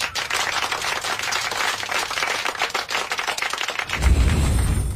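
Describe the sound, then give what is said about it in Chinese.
A class of students bursts into applause for a classmate who answered the teacher's question well, many hands clapping in a dense, rapid, steady patter that stays loud for several seconds before giving way to a low rumble at the end. “嗯，这位同学回答得非常好，大家给他鼓鼓掌。”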